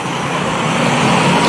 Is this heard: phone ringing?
no